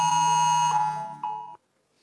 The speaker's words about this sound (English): A federal government app will be able to play a loud alert siren on your phone anytime, override silent and do not disturb modes.